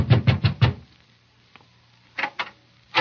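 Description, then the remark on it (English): Four quick, solid knocks on the door of the late George Grant's home in a fast run, then a short silence before two more raps and a final one. “I knocked at the door.”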